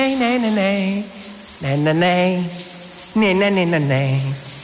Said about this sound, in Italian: La rifaccia, le rimetto la doccia?